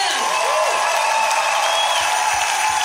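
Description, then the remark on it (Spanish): An audience claps steadily, applauding for the Lord in the afternoon, a dense, loud wash of applause filling the whole stretch, with faint cheers and voices mixed into the crowd noise. “Levanta un aplauso más fuerte.”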